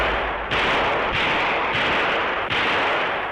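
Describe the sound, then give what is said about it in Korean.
Gunfire from a soldier shooting, with four heavy shots at an uneven pace, each a sharp crack followed by a dense, rumbling roar that fills the gaps between them. No voices are heard. “우수는 한동안 사격하다가 고개를 돌려 점점 멀어져가는 덕강이를 바라보며 거무스름한 애어린 얼굴에 환희 넘친 미소를 띄었다.”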